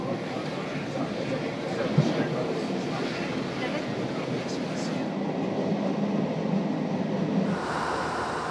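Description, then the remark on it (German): A steam train in Ireland, an old locomotive kept running by volunteer railway enthusiasts, rumbles steadily along the rails: a dense, continuous roar of wheels and machinery, with a brief knock near the start and the texture shifting slightly toward the end. “Seit über 50 Jahren kümmern sich die Eisenbahnfans auf freiwilliger Basis um die alten Maschinen mit nur einem Ziel: das dampfende Erbe Irlands zu erhalten.”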